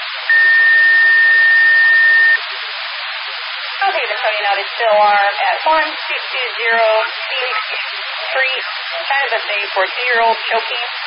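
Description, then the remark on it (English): A South Haven fire dispatch alert tone sounds over a radio for a still alarm at a restaurant on Phoenix Street for a choking 2-year-old: one loud, steady beep lasting about two seconds, then a tinny, static-laced radio voice begins talking. “South Haven toting out a still alarm at 1220 Phoenix Street, China Buffet for 2-year-old choking.”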